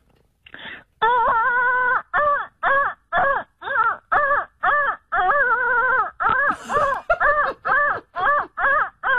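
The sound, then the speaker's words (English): A voice imitates printer paper feeding through, using a fast series of about sixteen short, pitched, wailing bursts in a steady stuttering rhythm, loud and alone with no talking over it. “You know when the paper feeds through and it sounds exactly you know like what, that.”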